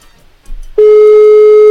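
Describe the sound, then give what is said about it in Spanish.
A telephone ringback tone on a redialed call to a cell phone comes through loud and steady, a single sustained electronic buzz-tone that starts abruptly after a moment of faint line noise and holds to the end, with no voices. “Ahí estaría timbrando.”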